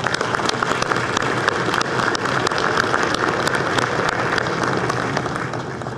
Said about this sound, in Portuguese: Eu queria pedir uma salva de palmas ao mestrinho.